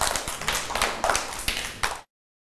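A group of children clap their hands for about two seconds, a fairly close, uneven patter with a few louder claps standing out before it stops abruptly.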